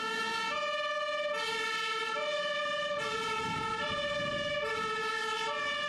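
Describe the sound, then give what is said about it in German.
A fire engine's two-tone siren blares steadily, alternating between a high and a low pitch about every second, with a faint engine rumble underneath and no voices, as the fire brigade in Grimma is alerted and turns out on a call. “Die große Feuerwehr wurde alarmiert und musste ausrücken.”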